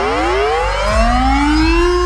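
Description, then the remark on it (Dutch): A Dutch civil defense air raid siren (luchtalarm) winds up in a loud, steady wail, its tones climbing in pitch, with a second lower tone joining partway through. No voices are heard. “Om het luchtalarm.”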